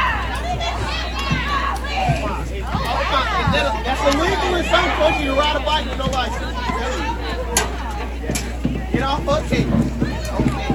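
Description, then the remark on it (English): A crowd of parents at a softball game chatters and calls out loudly at once, overlapping voices rising into shouts throughout, with a steady low hum underneath and no single clear speaker. “Parents in the crowd yelling about something.”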